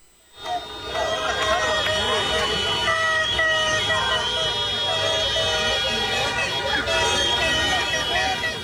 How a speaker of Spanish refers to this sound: Es parte de lo que pasó. Escuche nada más: mariachis, tambores, cohetes, fuegos artificiales, de todo hubo.